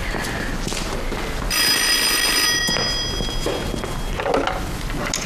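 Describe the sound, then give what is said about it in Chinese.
A telephone rings with a bright, sustained electronic trill that starts abruptly and holds for about a second, then fades, set against a busy, noisy background. “真的跑不了？我接个电话。”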